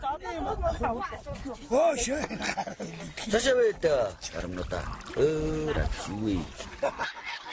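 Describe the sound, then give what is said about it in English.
Greasy broth from a marmot cooked as Mongolian buldak pours out in a steady stream of liquid splashing, partly masked by voices talking over it throughout. “First, they pour out the greasy broth and take turns to drink from it.”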